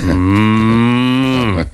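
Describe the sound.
A person imitates a cow, letting out one long, loud, sustained moo with a steady low pitch that lasts nearly two seconds before cutting off.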